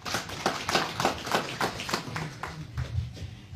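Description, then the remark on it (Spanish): An audience claps in a steady, rhythmic beat to welcome a speaker, the sharp hand claps repeating roughly three times a second at moderate volume, with a faint murmur of voices underneath. “Aquí recibimos con fuertes aplausos.”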